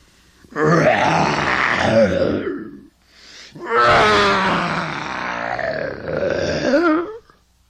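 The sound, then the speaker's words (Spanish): A voice loudly imitates a lion's roar in two long, growling bursts separated by a short pause, forceful, with no other sounds around it. “El león gritaba muy fuerte, llamando a todos sus compañeros que vivían en ese monte.”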